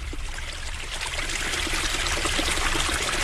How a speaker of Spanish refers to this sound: allí donde, en la colina de los castaños, brota una fuente al pie de una roca, surtiendo de debajo en unos hilos que juegan como a mano con la arena y se quiebran en burbujas, y luego hacen un canalillo por el que la tacita de la fuente desborda.